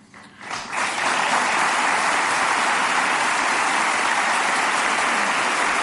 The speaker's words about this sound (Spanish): Las palabras eran recibidas con aplausos